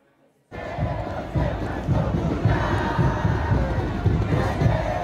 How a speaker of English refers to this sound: World Cup fans from Argentina, France, and Algeria were trying to out-cheer each other in a friendly competition in Times Square.